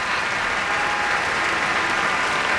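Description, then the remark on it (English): A steady, loud wash of audience applause and cheering for trombonist Vicky Garcia of the orchestra after her trombone solo, acknowledged by Teddy Abrams; dense clapping fills the whole stretch with a bright, hissing texture and no single voice standing out. “Big cheer for Vicky Garcia there.”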